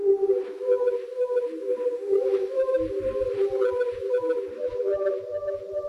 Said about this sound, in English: it was just a plastic pipe, like from a vacuum cleaner or something, and you swirl it around and it plays the same sounds that a bugle that's playing the last post would make. So it's got those same resonant notes.